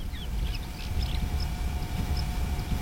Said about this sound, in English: If you listen closely, what you don't hear is the chug of a diesel engine. That soft hum behind me is a solar pump drawing up brine using sunlight instead of fuel.